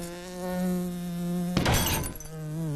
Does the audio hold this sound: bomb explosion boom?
no